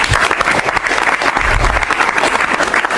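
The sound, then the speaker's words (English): People at a cabinet meeting applaud the president's comments praising outgoing Director of National Intelligence Tulsi Gabbard, a dense, even patter of many hands for about three seconds with no break and no voices rising above it. “And the president drew that applause this past hour in comments to the press after the cabinet meeting.”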